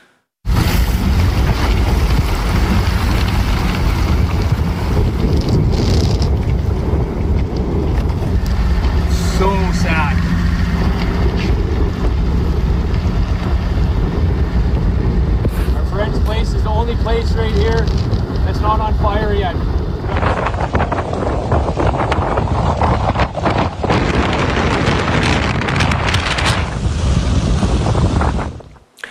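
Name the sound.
strong wind gusts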